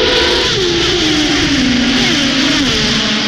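A loud, continuous engine whine rises and falls in pitch as a racing car revs hard at the Italian Grand Prix at Monza, with a dense roaring hum underneath and no voices.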